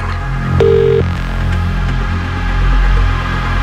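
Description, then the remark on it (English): A single short ringing tone on a phone line as a radio Cash Machine contest calls a listener, one steady electronic burst heard down the receiver, over a constant low background hum with no voices. “One ring.”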